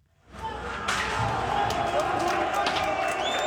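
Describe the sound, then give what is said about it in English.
A large crowd cheers and shouts loudly and continuously outdoors during rioting in Albania, as the constitutional court building is pelted with rocks, its doors rammed open and the building set on fire; a dense roar of many voices with scattered thuds and bangs mixed in. “Cheers from the crowd as Albania's constitutional court building succumbs to a sustained onslaught.”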